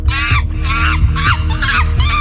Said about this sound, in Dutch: Welk beest zoeken we? Een aapje.